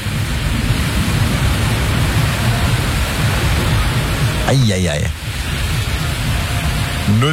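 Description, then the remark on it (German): A loud, steady roar of storm wind and heavy rain in Kirchwerder, with trees bent sideways, recorded from a window or balcony, fills the whole recording without letup, while a person briefly exclaims partway through. “Die Bäume wehen, also die sind wirklich seitlich. Und dazu dieses Geräusch.”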